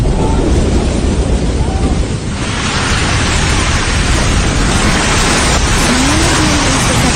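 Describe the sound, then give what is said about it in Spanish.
A volcanic eruption in Indonesia, recorded by tourists and people living on the volcano's slopes, rumbles with a loud, sustained, deep roar that fills the whole recording, steady and powerful like continuous thunder, with no break or pause. “Es más, vamos a escuchar un poquito de lo que vivieron turistas y las personas que también viven ahí en las faldas del volcán.”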